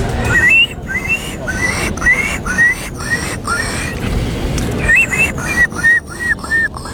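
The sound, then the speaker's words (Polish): A contestant in a Polish bird-imitation contest imitates a gull, giving a rapid series of short, high, squealing cries that rise and fall, repeated many times over a steady background rumble. “Była mewa. To była mewa, tak.”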